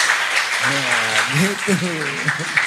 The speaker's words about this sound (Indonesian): Nah, tepuk tangan hebat untuk sahabat Erlangga Forum.